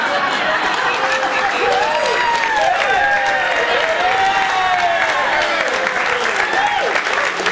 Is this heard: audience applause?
yes